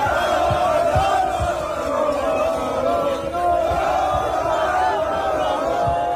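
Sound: football fans celebrating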